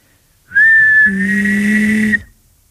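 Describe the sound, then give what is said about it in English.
A person whistles a steady high tone while humming a low note underneath, the two pitches sounding together for about a second and a half, fairly loud, with no talking. “The closest thing you and I can probably get to achieving the effect is if you can like whistle and hum at the same time, like this.”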